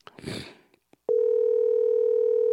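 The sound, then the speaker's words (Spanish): A brief rustle and a couple of clicks, then a steady, loud electronic telephone tone hums continuously on the line until the end, with no one picking up or speaking. “Cumplimos con llamarte, si no, gracias.”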